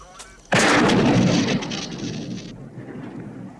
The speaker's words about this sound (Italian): Spara sulla radio. Sì.